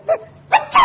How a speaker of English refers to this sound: Bless you. Oh, ruddy hat! Why, he has sneezed himself to death.